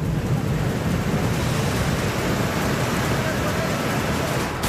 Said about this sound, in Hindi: जम्मू कश्मीर के राजौरी में जोरदार बारिश के चलते बदल गए हालात, उफान पर नदियों का पानी। राजौरी के निचले इलाकों में भरा बारिश और नदी का पानी, बाढ़ जैसे हालात।